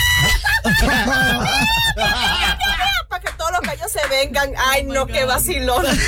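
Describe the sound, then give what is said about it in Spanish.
A person imitates clucking chickens with rapid, choppy squawks and clucks, loud, keeping it up almost continuously for several seconds, with bits of laughter mixed in. “¡Qué vacilón con las gallinas! ¡…! Lo hiciste muy bien, demasiado bien”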